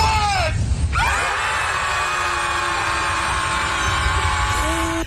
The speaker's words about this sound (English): Just scream. And then throw the biodegradable paper in the water.